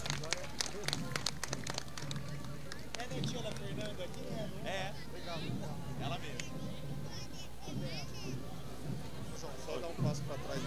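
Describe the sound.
A crowd applauds the Escola Gênesis, the Centro Educacional Gênesis school, with dense, rapid clapping that is loudest in the opening seconds and then continues more thinly beneath a mix of voices talking and murmuring.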